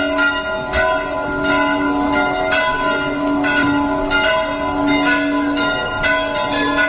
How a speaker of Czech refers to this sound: Ovako je pozivalo zvono manastirske crkve vernike na Petrovdansko saborovanje